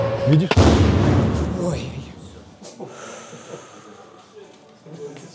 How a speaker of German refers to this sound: Ist was getroffen? Diese Drohne hat ihr Ziel verfehlt. Ihre Sprengladung ist trotzdem explodiert.